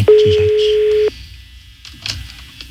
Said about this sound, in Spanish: La uno al aire, por favor. Sonando el teléfono de este ruco. Sonando. Buenas tardes. Buenas tardes. No contesta.